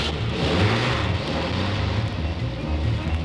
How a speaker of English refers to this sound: And as the truck started down the old narrow dirt road, suddenly right in front of it appeared a horrible sight.